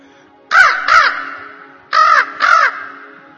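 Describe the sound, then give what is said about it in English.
A crow caws four times, loud, in two pairs of harsh rasping calls separated by a short pause, with no one speaking, as Swami's car reaches the Vidyagiri Arch. “When Swami's car reaches the Vidyagiri Arch, a crow sees Swami and welcomes Swami and conveys his prayer.”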